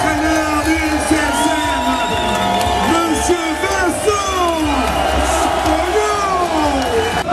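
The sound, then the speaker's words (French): A large crowd roars and cheers continuously in a huge ovation as the team's players arrive, with overlapping shouts, whoops and voices rising and falling, loud throughout, scattered clapping mixed into the dense noise. “Et puis vient le moment tant attendu, l'arrivée des joueurs. Avec au milieu une immense ovation pour l'un des artisans de la montée.”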